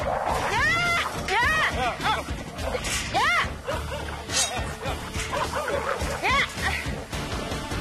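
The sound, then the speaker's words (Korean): A dense chorus of many dogs barking and yipping at once, overlapping continuously with high-pitched yelps and whines rising above a constant noisy din, loud throughout; dogs at a place where 150 dogs live together. “이곳엔 지붕 아래 강아지들까지 총 150마리가 살고 있습니다.”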